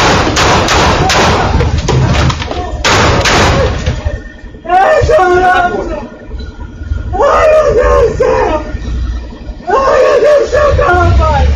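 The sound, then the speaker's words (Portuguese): A rapid series of sharp, loud gunshots fired at close range by a helmeted gunman at a man at his car wash, recorded by security cameras, followed by distressed, wailing voices and shouting. “O atirador chega no local usando um capacete, se aproxima da vítima e efetua vários disparos.”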